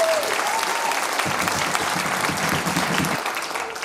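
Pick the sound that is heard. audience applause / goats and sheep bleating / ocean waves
audience applause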